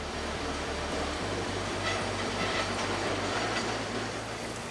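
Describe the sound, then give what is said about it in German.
A train rolls steadily along the rails through a gorge in Kyoto, Japan, a continuous rumble with a low droning hum and a constant wash of wheel noise, no voices. “Der Zug hält eigens an, um einen Blick darauf werfen zu können.”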